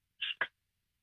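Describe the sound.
A caller in Penrith imitates a drink can being opened with their mouth: a short, bright hiss followed by a quick, fuller burst, all within about a third of a second, with no talking.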